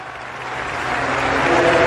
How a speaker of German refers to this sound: nach dem majestätischen Jubelgesang brandet unfassbarer Applaus auf.